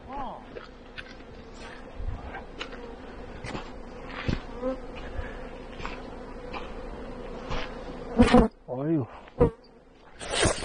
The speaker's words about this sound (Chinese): 这个就是蜜蜂了，是吧？